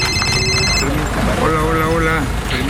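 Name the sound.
mobile phone ringing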